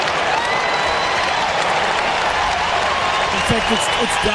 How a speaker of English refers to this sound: the crowd are out of their seats with their enthusiasm for the young Hawk who, with the man on the mark about 48 metres out, goes back to line them up and to just provide Hawthorn with unbounded joy in this game.